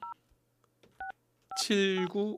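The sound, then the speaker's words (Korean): Three short telephone keypad beeps sound at uneven intervals, each a clean two-tone blip, as the show host calls a listener who answered a quiz correctly. A person's voice comes in loudly right after the last beep. “7956번님 전화 받아주세요.”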